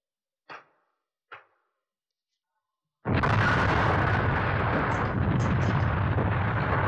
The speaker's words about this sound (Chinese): 随着这一声巨响，拳头大的石块铺天盖地地向敌人砸下去，敌人就像开水浇了蚂蚁窝。